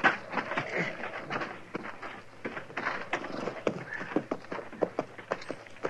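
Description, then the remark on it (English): Horse hooves clip-clop steadily as riders arrive at a deserted shack to leave their horses in the lean-to, a busy run of sharp knocks in a loose, uneven rhythm over a soft, hissy outdoor background, with no one talking. “Let's leave our horses here in the lean-to, Chester.”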